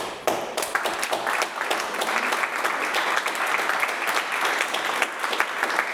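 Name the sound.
loud applause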